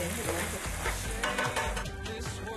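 A spatula scrapes and stirs through thick black bean paste (chunjang) frying in oil with onion and pork for jajangmyeon sauce in a hot pan, with a steady crackling sizzle and repeated clanking strokes, loud and continuous with no voices.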